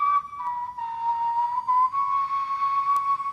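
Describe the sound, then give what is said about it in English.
A prehistoric bone flute, of the kind archaeologists found in Germany made from bird's bone and mammoth ivory, plays a thin, breathy, high-pitched tone, holding one sustained note that steps slightly in pitch a few times over about three seconds, with no voices. “Archaeologists found the flutes made from bird's bone and mammoth ivory in Germany.”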